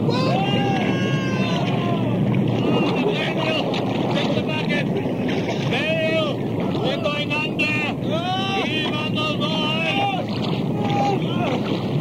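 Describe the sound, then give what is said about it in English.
A steady, loud roar of strong wind over the stormy Sea of Galilee fills the scene without letup, with agitated voices calling out from a boat facing the waves beneath the constant rush. “Oh, listen to that wind. I've never heard it so strong before.”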